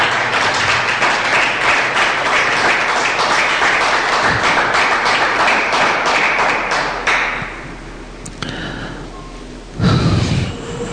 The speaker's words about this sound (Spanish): Se merece un aplauso. Ese Dios.